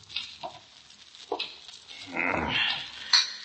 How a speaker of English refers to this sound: Look at him. Stuffing himself with pig's knuckles or whatever they are.